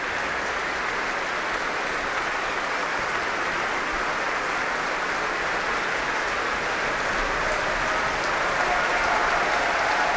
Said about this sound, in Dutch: Een applaus van hem voor het Concertgebouworkest. Hij laat het orkest weer opstaan om dit zeer enthousiaste applaus in ontvangst te nemen.